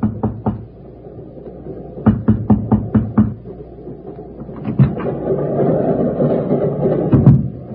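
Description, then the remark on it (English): A quick burst of three knocks by hand on a train compartment door, then a steady run of six sharp raps, over a low rumbling background that swells later with a few more thuds. “hesitated, then raised my hand and knocked.”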